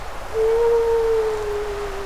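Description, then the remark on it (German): A wolf's howl rises out of quiet and holds as one long, steady, mid-pitched note that sags slightly in pitch and carries on past two seconds, with no voices alongside. “Wölfe.”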